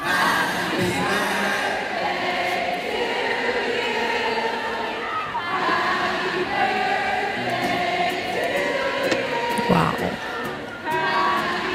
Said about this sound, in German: … und der komplett ausverkaufte Madison Square Garden. 18.000 Fans singen dir ein Geburtstagsständchen.